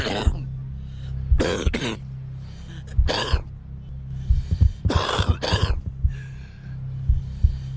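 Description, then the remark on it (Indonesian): A deep, rasping smoker's cough repeats in several harsh, wet bursts with throaty clearing between them, loud, over a steady low hum. “Batuk seorang perokok tidak hanya menandakan rusaknya paru-paru.”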